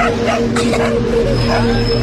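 A beloved small dog walking across a zebra crossing barks and yips in a quick, irregular series of sharp bursts, fairly loud, over a steady droning background hum.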